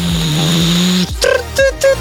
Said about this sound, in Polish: I co to jest? Ekspres do kawy, no hello!